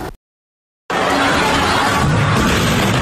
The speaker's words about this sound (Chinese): 这是2024年12月31日河南信阳万达广场附近行人拍到的画面。当晚在商场入口处，一名顾客自带的氢气球突发爆燃，升起的火焰瞬间将周围人群灼伤。